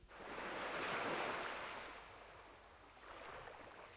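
Sea waves wash onto the shore in two broad, hissing surges, the first long and swelling, the second softer, with no voices present.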